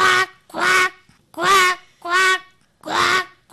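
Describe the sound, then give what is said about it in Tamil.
A school student performing mimicry imitates a duck, giving five nasal, raspy quacks in a steady rhythm, each about half a second long with short pauses between. Fairly loud. “இது பேர் வாத்து.”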